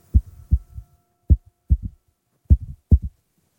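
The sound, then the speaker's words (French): A muffled heartbeat thumps alone in low, soft beats, some landing in lub-dub pairs, at a slow, slightly uneven pace over a faint steady hum. “Et même son cœur fait.”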